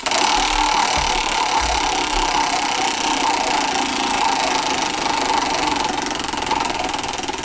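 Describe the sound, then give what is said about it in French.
A roulette wheel, spun to decide something by chance, makes a loud, steady mechanical whirr that holds an even, buzzing drone for several seconds and eases off only slightly at the end. No voices are heard. “pars la roulette”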